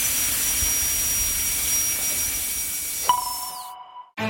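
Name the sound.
dentist's drill whirring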